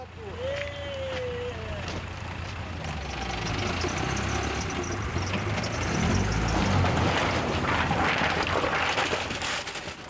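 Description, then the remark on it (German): An old Mercedes car engine rumbles with a deep, steady drone, then revs and swells louder partway through before settling back into a rough idle, as the car is got out of the Schala river. “Halt, halt, kein Gas mehr geben. Können wir kurz zum Auto hin?”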